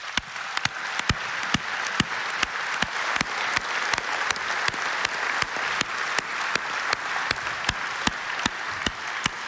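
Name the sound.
warm audience applause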